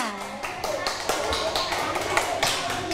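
classroom applause

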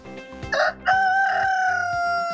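rooster crowing

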